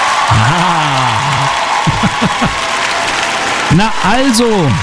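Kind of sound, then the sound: crowd, crowd cheering and applause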